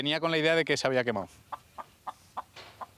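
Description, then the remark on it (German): A chicken waiting for food at the neighbours' house opposite lets out a drawn-out, harmonic squawk, then five short, evenly spaced clucks follow, each softer and quite clear against a quiet background. “Bei den Nachbarn gegenüber wartet das Huhn auf Futter.”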